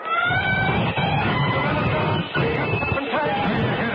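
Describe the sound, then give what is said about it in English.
A subway train brakes hard to a stop for a man in the middle of the track, its loud, steady rumble overlaid with shrill, wavering metallic squeals that persist for the whole stretch. “Larry, there's a man in the middle of the track. Stop!”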